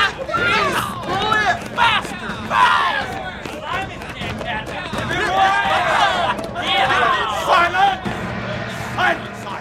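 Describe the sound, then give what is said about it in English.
A crowd of male prisoners shouting and cheering excitedly, many overlapping voices rising and falling in loud bursts throughout, with whoops and calls over a steady babble. They are celebrating as they watch a lone prisoner in a ship's boat rowing furiously, chased by boatfuls of soldiers and sailors. “some of the other prisoners were celebrating as they watched a lone prisoner in a ship's boat rowing furiously, with boatfuls of soldiers and sailors chasing him.”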